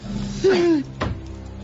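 A guillotine blade drops during the execution of a condemned criminal: a brief descending whine slides down, then a single sharp, heavy thud lands and fades quickly.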